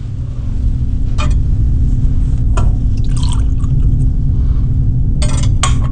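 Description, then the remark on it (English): Short bursts of wine and water being poured into a chalice, with a light splash and a faint clink, all over a steady low rumble of room noise. “By the mystery of this water and this wine, may we come to share in the divinity of Christ, who humbled himself to share in our humanity.”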